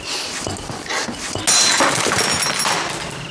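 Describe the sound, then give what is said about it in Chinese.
Crashing and smashing as objects are smashed and thrown down during a quarrel, with a loud shattering impact midway that leaves bright ringing clatter, amid noisy banging and scraping throughout. “你敢砸东西啊？还学会摔东西了？”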